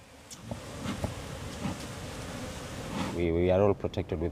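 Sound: honeybees buzzing around hives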